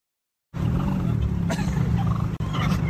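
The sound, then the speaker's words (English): Three turkeys in Canada gobble loudly and continuously while harassing a man, a dense, rattling chorus of warbling calls that starts abruptly after a moment of silence and keeps going without pause. “So I see a couple of turkeys.”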